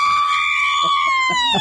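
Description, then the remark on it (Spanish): A single loud, high-pitched celebratory Mexican grito from a fan celebrating the Mexican national football team's win after the match, held as one long ringing cry that slowly drops in pitch, with other people's voices murmuring beneath it. “A ver, un grito mexicano.”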